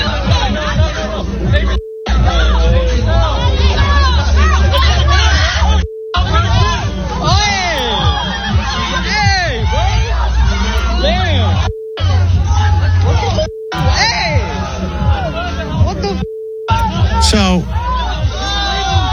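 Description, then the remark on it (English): Several voices scream and shout over one another in a loud, chaotic jumble of high, wavering cries during a police arrest, as officers hold a woman on the ground and handcuff her. The noise is continuous for the whole stretch apart from a few brief cuts of silence. “There's a lot of screaming. This whole video is a lot of screaming.”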